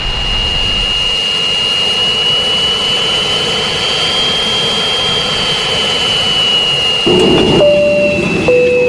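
A loud, continuous roar of jet airplane engines during takeoff, with a steady high whine on top and a deep rumble that swells and shifts near the end, with no voices.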